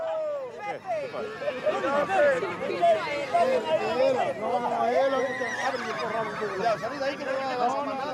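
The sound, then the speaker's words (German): Horses whinny and neigh repeatedly while having their manes clipped, shrill wavering calls overlapping one another, while a crowd murmurs and chatters steadily in the background throughout. “Für die Pferde ist der Haarschnitt stressig, aber da müssen sie durch.”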